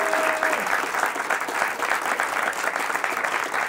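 Steady, dense applause from a large audience welcoming two finalists, a continuous wash of clapping at full volume that fills the whole stretch without pause, with a brief faint tone near the start.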